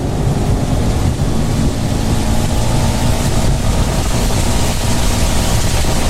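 A vehicle drives fast through rain: a steady, loud engine rumble blends with a dense, constant hiss of water and wet road that never lets up, with no voices.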